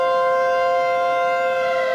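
A sustained siren-like tone holds steady and loud for the whole moment, rich and buzzing with overtones, with no voices or other sounds alongside it.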